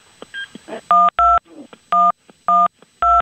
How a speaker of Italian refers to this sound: Ora hanno composto il numero